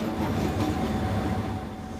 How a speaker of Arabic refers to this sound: فقيادة قطار على شبكات متهالكة وبقاطرات قديمة ليست مهمة عادية وفق قوله، بل مسؤولية تتطلب خبرة كبيرة وحذرا مضاعفا في كل رحلة.